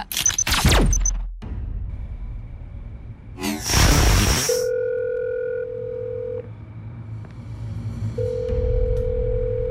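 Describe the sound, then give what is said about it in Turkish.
A phone's ringback tone sounds twice as long, steady electronic purrs with a pause between, following a brief burst of rustling noise and some sweeping swooshes at the start. No one speaks. “Bebeğim, nihayet telefonu açtın.”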